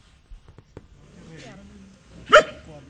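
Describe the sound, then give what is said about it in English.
A dog lets out one sharp, loud bark, preceded by a few soft taps and a low murmur of background activity outdoors, on a patch of grass in Gulu where a small group of men and women are training retrained street dogs. “On a patch of grass, a small group of men and women are training their dogs.”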